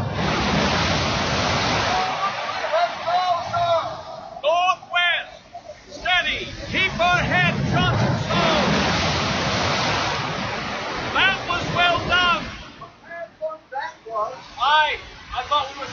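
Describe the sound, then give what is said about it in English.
A loud, roaring rush of seawater surges and crashes as large storm waves break over a ship at sea, swelling and easing, while men at the tiller shout urgent helm commands over the churning water. “Here comes another dreadful sea!”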